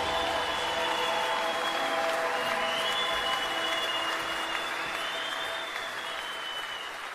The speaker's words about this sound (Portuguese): vamos aplaudir aquele que vive e nos envia.